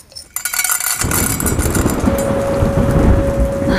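Heavy rain hisses steadily during a large electrical storm near a studio, then a deep rolling rumble of thunder swells in and holds underneath the downpour, loud, with no voices present.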